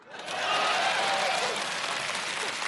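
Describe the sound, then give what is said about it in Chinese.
A crowd applauds steadily, a dense wash of many hands clapping that swells in quickly and holds at a strong, even level for a few seconds. “就这样仍然坚持鼓掌。”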